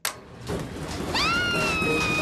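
A washing machine in a hotel laundry room starts up when its button is pressed: a burst of broad rushing noise, then a high whine sweeps upward and settles into steady, sustained tones over a continuous hum, loud throughout with no talking.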